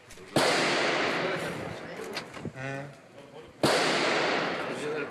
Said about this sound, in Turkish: Bu olay tam bir evimin karşısında zaten cereyan etti. Silah seslerinin yankılandığı adres İstanbul Maltepe.